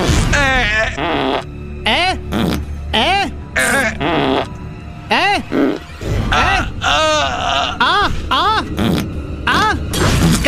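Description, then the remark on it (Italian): A string of loud blown raspberries, wet sputtering mouth-fart noises with wobbling voiced pitches, repeated in quick bursts one after another for about ten seconds. “La pernacchia?”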